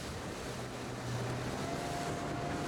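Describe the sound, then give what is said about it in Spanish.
A Spanish customs surveillance (Vigilancia Aduanera) patrol boat motors across open water off Huelva, Spain, at night after leaving the Río Tinto dock, its engine a steady low drone beneath a loud, continuous rush of wind and splashing water, constant, with no voices. “Pues hemos acompañado a una patrullera en aguas de Huelva, donde hace 3 semanas morían 2 guardias civiles en una intervención, en acto de servicio.”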